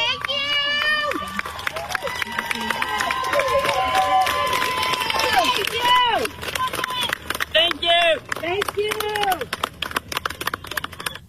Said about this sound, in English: But she's like a civil rights icon in the eyes of these weirdo women online, and they showed up to cheer her on outside the courthouse today, and this is the moment her defense attorney walked on by.